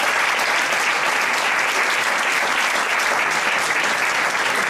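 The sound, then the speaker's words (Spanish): Steady, loud audience applause welcoming the director of Westfield Park Sur at an event in Leganés fills the whole stretch, a dense wash of many hands clapping with no pauses and no voices over it. “Un aplauso.”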